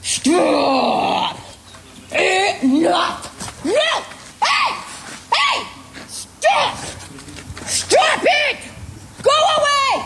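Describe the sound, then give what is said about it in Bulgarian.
A woman shouts loudly and repeatedly at an approaching bear in a wild park, in short, strained bursts, her yells rising and falling in pitch with brief pauses between them, harsh against a faint outdoor background. “Много опасно се приближи мечката.”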